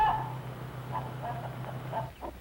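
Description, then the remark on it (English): Two-month-old, almost grown chickens cluck in a scattered series of short, soft calls over a steady low background hum. No one speaks. “2 months old chickens and almost grown up.”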